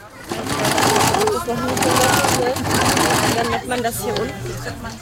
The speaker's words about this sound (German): Hier wird genäht fleißig an Nähmaschinen.